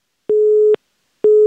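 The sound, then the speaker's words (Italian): A telephone busy tone after a dropped line: steady mid-pitched beeps, each about half a second long, repeating with short silences between them, loud and alone without any voices. “Salve, deve essere caduta la linea.”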